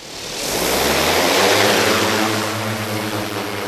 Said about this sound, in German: Und die war, wie ich finde, ganz schön groß. Also größer als die Drohnen, die man so aus dem Alltag kennt, die einige inzwischen ja auch privat nutzen. Und so klang dann auch der Start.